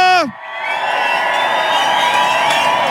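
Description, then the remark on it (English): A crowd erupts in loud, sustained cheering for a DJ, opening with a sharp, falling whoop, followed by a steady roar of shouts and yells lasting several seconds. “Can we make some noise to the one and only …?”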